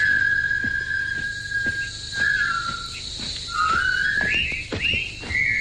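A group of prisoners of war whistles a jaunty military march, composed in 1914, in unison as they enter a Japanese army labor camp in David Lean's 1957 film The Bridge on the River Kwai. The bright tune slides between held notes, with a steady high-pitched insect-like buzz running underneath throughout.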